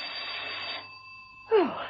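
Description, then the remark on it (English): A doorbell gives a steady, fairly high electric ring over a faint background hiss, and a voice begins just as it stops. “Peel was taking a quiet rest, her feet up and a harmless novel on her lap, when the doorbell rang.”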